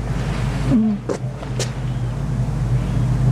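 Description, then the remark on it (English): A generator or some sound system roars steadily in the background on a Sunday morning, a constant low droning rumble with a humming tone that runs the whole time, broken only by a brief faint call and a couple of soft clicks early on. “The roaring in the back is, that's the generator or some sound system.”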